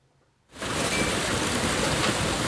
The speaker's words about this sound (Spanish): En Talavera de la Reina, la pasada tarde ha granizado así.